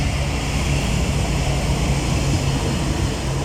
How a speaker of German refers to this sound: Ah, Achtung, es kommt ein Zug.